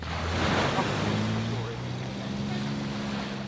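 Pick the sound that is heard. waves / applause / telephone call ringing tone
waves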